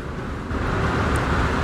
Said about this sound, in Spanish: y pues hay varias zonas en las cuales hay tormenta eléctrica, está lloviendo con fuerza acá en el centro de la ciudad. De hecho, creo que lo pueden escuchar ustedes.